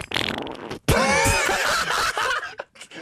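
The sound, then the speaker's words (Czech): A loud fart sound stretches out for a couple of seconds, wobbling and sputtering in pitch, preceded by a short burst of rough noise and trailing off in a few brief puffs. “Prdík!”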